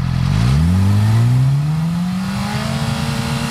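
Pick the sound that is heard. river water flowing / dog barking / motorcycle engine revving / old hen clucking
motorcycle engine revving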